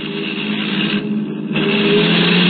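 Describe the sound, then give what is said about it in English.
A car horn blares in long, sustained honks, broken by a brief pause, over the rumble of traffic, fairly loud with no talking; a driver in the car behind on the road is honking, seemingly to pass. “Oh, that's it. He's blowing his horn.”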